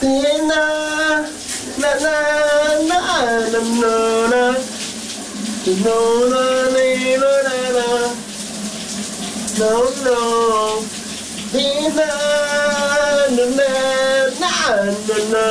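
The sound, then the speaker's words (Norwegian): A cool shower runs with a steady, hissing rush of water throughout, while a man sings loudly over it in long, wavering phrases with short pauses between them, on a summer Friday morning at the VLR radio station in Denmark. “Sommeren er endelig kommet til Danmark, og det kan da godt være, at vi hen over weekenden kommer til at tage et dejligt, køligt brusebad, som min kollega”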